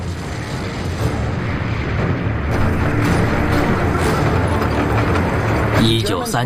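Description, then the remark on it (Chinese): Heavy artillery bombardment from the guns of the German battleship Schleswig-Holstein shelling the Westerplatte peninsula at Danzig (Gdańsk), Poland, in the early morning of 1 September 1939: a loud, continuous roaring rumble with dense low booms running together for several seconds, ending in a brief crackling burst. “1939年9月1日凌晨，在波兰的但泽，就是现在的格但斯克，德国施乐苏伊格荷尔斯泰因号战列舰向维斯特布拉德半岛展开炮轰。”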